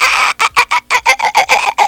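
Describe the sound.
A person imitates a dolphin's call with a loud string of about seven rapid, high, chattering bursts, each cut short by a brief gap, with no talking.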